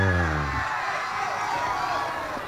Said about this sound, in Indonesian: Paling liunya Badung Man juara. Tepuk tangan untuk Badung.